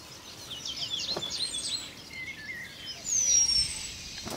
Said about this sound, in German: Zwischendurch singt der Meisenmann Weibchen herbei, die das Nest inspizieren sollen. Hat er keinen Erfolg, knüpft er woanders einen neuen Beutel.